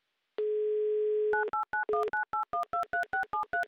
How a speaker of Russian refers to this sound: Набрал номер телефона Дениса, звоним в Самару.